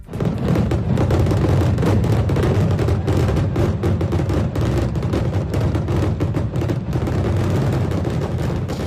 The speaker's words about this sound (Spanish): Ojos celebra hoy San Agustín y lo hará con uno de los espectáculos pirotécnicos más impresionantes de la región de Murcia, el disparo de miles de cohetes en un corto espacio de tiempo.